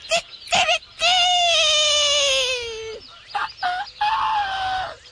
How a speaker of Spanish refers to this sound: Y nos trasladamos derechito hasta Chihuahua. El rancho Las Tres Tetas. Allá donde el despertador no era el celular. Era el gallo. ¡Escandaloso!